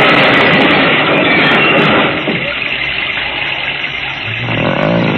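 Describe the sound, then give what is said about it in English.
A loud, rumbling engine of an approaching truck roars, dense and steady for about two seconds, then drops to a lower, ongoing mechanical drone before swelling again near the end. “The truck!”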